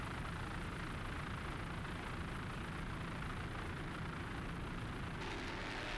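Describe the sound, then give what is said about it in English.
A racing powerboat engine with an engine problem runs rough during a race as the boat drops off the pace: a loud, continuous low rumble with a gritty, uneven texture that holds steady throughout, with no voices. “Well, that doesn't sound good. There they go. They're dropping off the pace, looking back. They seem to have an engine problem there.”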